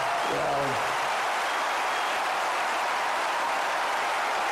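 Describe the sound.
Steady, dense crackle of many hands applauding God at once, sustained at an even level throughout, with a brief voice sounding near the start.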